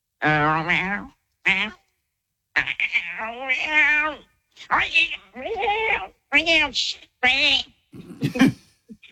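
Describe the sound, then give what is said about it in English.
A person mimics a cat, producing a string of drawn-out, wavering meows and short mews in bursts with brief pauses, fairly loud, ending in a breathy hiss-like sound. “You are a good cat.”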